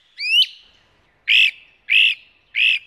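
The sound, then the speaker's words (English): A bird gives a rising, whistled call and then three loud, harsh, buzzy calls at a steady pace. These are the insistent calls of a great crested flycatcher in a yard, with no other sound. “It began on the 1st with a great-crested flycatcher.”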